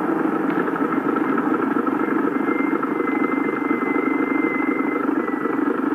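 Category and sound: vehicle, car approaching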